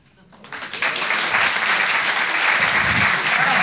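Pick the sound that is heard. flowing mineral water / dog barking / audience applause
audience applause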